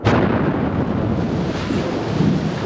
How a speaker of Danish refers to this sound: Ja, en eksplosion, en bombe.